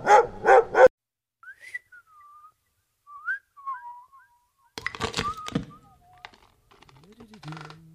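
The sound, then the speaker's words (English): A dog barks three times in quick succession, loud, then falls silent as a light whistled tune and a burst of sharp clicking follow. “Your dog also likes it. Of course your dog loves dancehall and reggae and hip-hop.”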